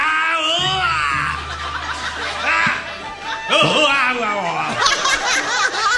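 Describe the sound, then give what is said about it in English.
A man fiercely grunts and groans during a match, loud and strained, his voice bending and breaking into ragged, laugh-like bursts, with other voices overlapping at times as an audience shouts. “And he's fiercely grunting and groaning”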